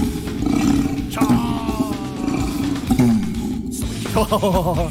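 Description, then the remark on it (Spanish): An orangutan call: a loud, drawn-out series of deep roaring bellows with rough, wavering tones that rise and fall, continuing without pause over a low rumbling background. “Yo tengo acá The Real Orangután.”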